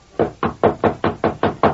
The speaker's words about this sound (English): dismounted, walked up the steps to the porch, and rapped on the front door.